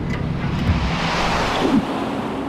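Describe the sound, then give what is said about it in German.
A steady, loud rush of wind through a time tunnel roars throughout, a broad whooshing hiss with faint swells and a low rumble underneath, with no voices. “Das war der Eingang zum Zeitkanal. Ein Windstrom nahm uns mit.”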